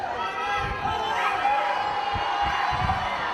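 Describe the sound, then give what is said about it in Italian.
A dense crowd of curious onlookers and fans cheers and shouts continuously outside a church in the historic centre of Loco Rotondo, acclaiming the footballer Haaland: a loud wash of overlapping voices with occasional whoops and thuds breaking through the steady roar. “Tra gli invitati in chiesa anche Roberto Mancini, il compagno di squadra Haaland, super acclamato dai tanti curiosi e tifosi del centro storico di Loco Rotondo.”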